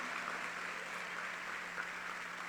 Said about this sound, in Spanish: Dale fuerte el aplauso a la iglesia de Jesucristo.